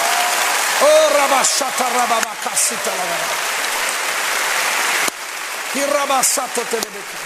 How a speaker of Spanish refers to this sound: Hey, si va a aplaudir, aplauda bien, vamos.